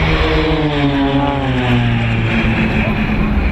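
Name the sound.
airplanes flying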